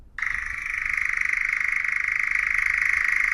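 A European nightjar churring: a continuous, mechanical, rapidly pulsing trill that starts abruptly and holds at a steady pitch and loudness for about three seconds, with no voices.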